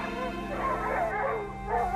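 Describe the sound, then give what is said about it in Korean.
A dog barks frantically at night in a rapid, continuous string of loud yelps and barks, filling the whole moment with agitated noise. “탁탁하는 이상한 소리와 함께 미친 듯한 개 짖는 소리에 소스라쳐 깨어난 어머니가 애처롭게 부르짖었다.”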